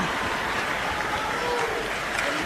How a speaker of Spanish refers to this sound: Fuerte ese aplauso, una gran voz.